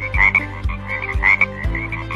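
A frog croaks in a steady rhythm, three deep throaty pulses roughly half a second apart, each with a raspy trill layered over it. The croaks are fairly loud, with no voices present.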